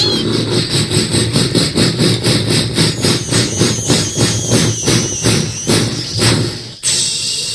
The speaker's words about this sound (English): The conductor stopped the train.